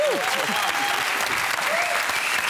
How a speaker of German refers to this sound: Sollen wir nochmal klatschen?